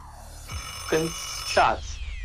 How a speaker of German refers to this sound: Ah, mein Lieber, da war leider der Wecker schon im Hintergrund. Das kann ich nicht mehr zählen lassen.